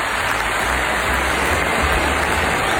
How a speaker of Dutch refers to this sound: Onder luid applaus, hè?